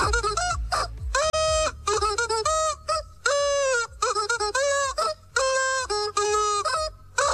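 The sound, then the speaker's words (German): Clucking, honking chicken sounds are pitched into a catchy pop melody, rapid rhythmic bursts over a steady thumping beat, loud, with brief gaps between phrases and no talking. “Ihr habt heute zusammen mit Kollegin Kirsten Mews das verrückte Huhn verabschiedet.”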